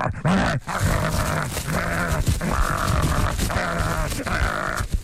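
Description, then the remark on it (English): A voice imitates dogs throwing themselves at a front door as a free paper is put through the door, producing a steady run of loud, rough growling and grunting barks with snarling bursts, continuous for about five seconds. “Literally, they used to throw themselves. There was a bay window at the front door”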